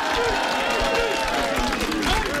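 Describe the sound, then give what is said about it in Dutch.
Dense, steady applause from an audience at a live event in Rode for a singer, with many overlapping claps forming a continuous loud wash, mixed with crowd voices and some cheering throughout. “Nog één keer een applaus voor …, dames en heren.”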